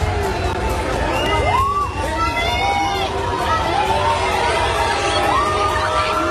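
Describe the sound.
A dense crowd of football fans cheers and shouts continuously outdoors around the Spanish national team's hotel in Seville, Spain, asking for autographs, with overlapping excited voices, whoops and calls rising above a steady roar of chatter.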